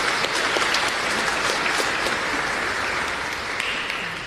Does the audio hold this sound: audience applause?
yes